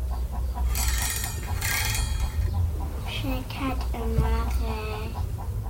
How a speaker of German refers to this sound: Hannibal weckt mit lautem Kikeriki.